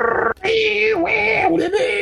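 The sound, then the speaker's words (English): A dial-up modem connection screech from 1990s–early 2000s dial-up internet service of the AOL CD era: steady, harsh electronic tones with a hissing, buzzing layer on top, dipping and shifting pitch a few times over two seconds, loud throughout after a brief gap. “In the 1990s and early 2000s to introduce the internet to the masses via dial-up service. Remember that? That annoying screeching sound, dial-up?”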